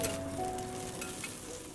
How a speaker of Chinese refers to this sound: 食物在铁板上滋滋作响